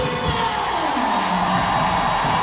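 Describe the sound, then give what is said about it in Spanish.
A large stadium crowd applauds and cheers as player Riley Tiernan enters the field during a match, a steady, dense wash of noise that holds at an even level throughout, with no distinct voices standing out. “Se viene Tiernan también al terreno de juego y es aplaudida.”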